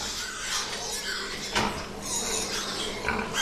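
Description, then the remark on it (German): A dense chorus of pigs grunting and squealing at a pig fattening farm where 1 million animals are fattened each year, with overlapping calls and a couple of sharper bursts standing out against the constant din. “Nicht weit entfernt lag ein Schweinemastbetrieb, in dem jährlich 1 Million Tiere gemästet wurden.”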